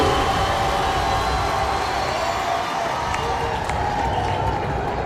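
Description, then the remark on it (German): A large crowd applauds steadily for about five seconds, a dense, continuous wash of clapping at an even loudness, with faint cheering voices mixed in. “Ja, Applaus.”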